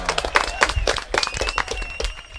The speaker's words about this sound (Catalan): Tajo, correcte. Fort aplaudiment.